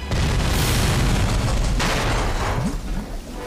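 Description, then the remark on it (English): A loud, sustained explosion roars for several seconds as a torpedo blows up Crazy Ivan's U-boat, a deep booming rumble with crackling debris noise that slowly tapers off. “Crazy Ivan's U-boat exploded!”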